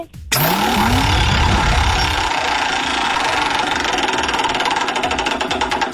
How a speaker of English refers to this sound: Let's spin the wheel and find out. You ready?